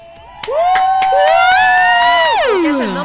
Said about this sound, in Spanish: Es más, mira, te mereces aplauso con bulla.